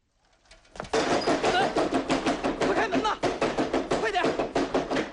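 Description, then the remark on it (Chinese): Urgent, rapid knocking at night on the door of a Peking University dormitory in a Beijing courtyard house, waking the sleeping students; it starts after a quiet second and continues loud and steady in a fast, hammering rhythm, with some voices mixed in beneath the pounding. “许德恒急促的敲门声惊醒了沉睡中的同学们”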